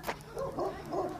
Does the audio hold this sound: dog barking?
yes